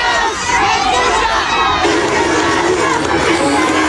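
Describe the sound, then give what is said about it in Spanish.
A large crowd at the exit of the Teatro Selenense in La Serena, Chile, shouts and boos loudly and continuously as President Kast leaves, a dense wall of overlapping voices with scattered clapping from supporters mixed in, steady throughout. “A la salida del Teatro Selenense, Kast fue despedido con gritos y pifias, los cuales se mezclaron con algunos aplausos de adherentes hasta la partida del mandatario al aeropuerto de La Serena.”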